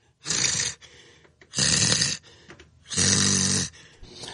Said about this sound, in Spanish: Oye, ya no sé quién respira más fuerte, güey, si tú o el …. Yo pienso que yo, compadre. Ninguno de los dos deja oír el otro.